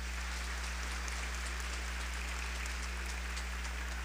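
A church audience applauds to welcome a newly baptized child at a baptism, steadily for about four seconds, a dense, even patter of many hands clapping at once, fairly soft, with a low electrical hum underneath and no voices.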